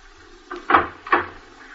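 door being opened

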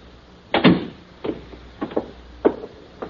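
door opening and closing

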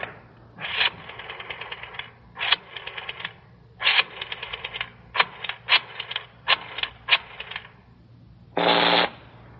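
telephone being dialed

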